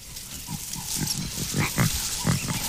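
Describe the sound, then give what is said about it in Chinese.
Two lion cubs, only a few weeks old, hidden in bushes at the marshy edge of a flat grassland, call softly in a run of short, rough mewing grunts repeating every half second or so over a quiet outdoor background. “有轻微的叫声传来”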